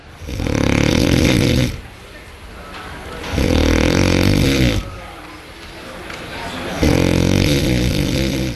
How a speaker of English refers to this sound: Particularly noisy snoring there, and according to experts, sleeping next to a snorer could impact your health. So what do you do if your partner's snoring is keeping you up at night?